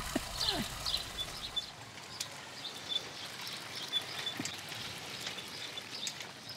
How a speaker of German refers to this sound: Und die Vögel, die piepen so.